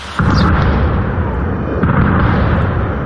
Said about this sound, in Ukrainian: Розриваються російські керовані авіабомби.